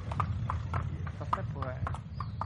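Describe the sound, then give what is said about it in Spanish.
Horse hooves clip-clop at a steady walking pace on a horseback route, crisp knocks repeating roughly every half second over a low, constant rumble, with a brief murmur of voice in the background. “Y esto de las rutas a caballo tiene mucho de eso, que el trayecto también es parte del viaje, incluso la parte más bonita.”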